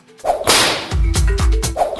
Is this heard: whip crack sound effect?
yes